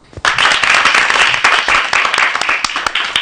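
A group breaks into applause, a dense, steady patter of many hands clapping at once, loud and sustained for about three seconds after a brief quiet start.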